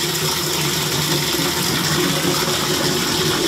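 Steady rushing of running water pouring into a container, a continuous close hiss and gurgle with no pauses and no voices.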